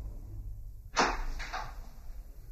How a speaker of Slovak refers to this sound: Dva oblúočky v bielej stene, dvoje krokov po podstene, vrzgot dverí, všuchnime sa dnu.